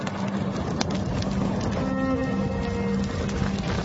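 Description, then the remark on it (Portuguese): The crackling flames of a large furnace: a steady, roaring rush of fire with dense crackles and pops throughout, under a low, constant hum, at an even loud level for the whole stretch with no voices. “Olhem, escutem o crepitar das chamas desta grande fornalha.”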